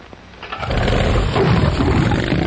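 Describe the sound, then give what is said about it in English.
A chopper motorcycle engine fires up after a brief quiet moment, breaking into a loud, deep, rumbling idle that holds steady. No one speaks. “Whose motorcycle is this? It's a chopper, baby.”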